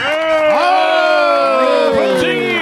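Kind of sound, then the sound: crowd, audience applause and cheering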